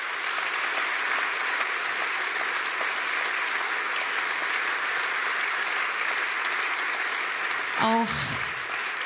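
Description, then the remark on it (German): Steady audience applause for the bass player at a live show, a dense wash of clapping that holds evenly throughout, with a brief whistle or cheer rising near the end. “Deswegen bitte nochmal einen Applaus für … am Bass.”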